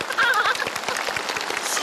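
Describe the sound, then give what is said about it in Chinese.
A crowd applauds steadily after a magic trick performance, with dense, rapid clapping that fills the whole moment and a brief cheer rising over it near the start. “大家都在给你鼓掌”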